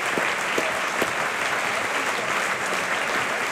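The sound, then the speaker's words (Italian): Steady, dense applause from a large opera house audience as the cast of Wozzeck, including Wolfgang Koch, take their bows at the Maggio Musicale Fiorentino, a continuous loud wash of clapping with occasional sharper claps standing out and no voices. “E adesso tutti quanti prendono gli applausi.”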